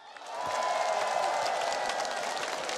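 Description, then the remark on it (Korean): A crowd at a Buddha's Birthday lantern festival event breaks into applause for the comedian host, a dense, steady wash of clapping that swells in within the first half second and holds loud and even for the rest, with no voices on top. “불장의 개맨 코모이한테도 박수 한번 주세요.”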